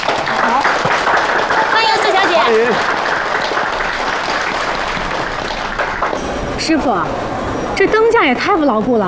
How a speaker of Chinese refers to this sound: 此处应该有掌声。